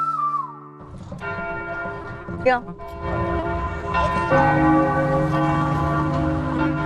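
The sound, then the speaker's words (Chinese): Outdoor church bells ring out loudly and continuously across a city, several overlapping peals layering into a rich sustained clang, with a brief spoken word at the start. “那一个城市有钟声也是好的哈。 很多古老的城市，才会有这种露天的钟声。”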